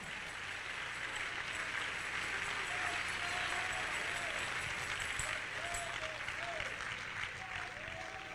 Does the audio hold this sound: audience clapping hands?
yes